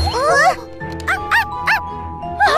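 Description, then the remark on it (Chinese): A small dog barks in five or six short, high, yapping bursts, spaced unevenly and fairly close, over a steady ringing musical tone in the background. “狗，有狗！”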